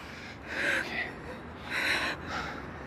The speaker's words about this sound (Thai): มองหน้าผมมองหน้าผมหายใจเข้าหายใจออกหายใจลึกๆเข้าออกเข้าออก